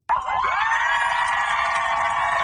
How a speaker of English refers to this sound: The USS Abraham Lincoln is back home in San Diego. A large crowd of cheering family members and loved ones greeted the aircraft carrier as it pulled into port today